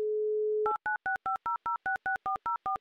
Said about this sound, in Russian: Есть соединение, более того, есть гудки